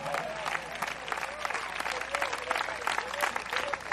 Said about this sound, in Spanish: ¿Cuántos alaban al Señor en esta hora? Dele fuerte ese aplauso, así es para él.